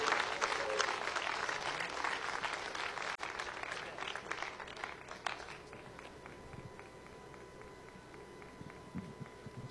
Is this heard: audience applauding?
yes